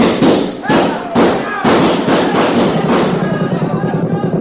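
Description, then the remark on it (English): Winchester rifles firing in a loud volley: several sharp, booming shots about half a second apart, then a dense, continuous clatter of overlapping gunfire with indistinct voices mixed in. “Now get them Winchesters working!”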